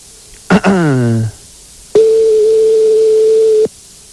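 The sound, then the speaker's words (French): A short electronic dialing chirp as the phone number of a McDonald's restaurant is dialed, then a single long, steady ringing tone on the telephone line lasting under two seconds, loud and clear, with no one talking over it. “Donc là, on est en train de composer le numéro de téléphone de McDonald's. Voilà, c'est en train de se faire. C'est parti, ça sonne.”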